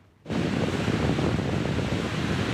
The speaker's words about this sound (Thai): คลื่นยักษ์ซัดกระหน่ำชายฝั่งนิวพอร์ตบีชในรัฐแคลิฟอร์เนียของสหรัฐค่ะซึ่งเป็นผลพวงจากอิทธิพลของพายุเฮอริเคนมารีที่เคลื่อนตัวอยู่ในมหาสมุทรแปซิฟิก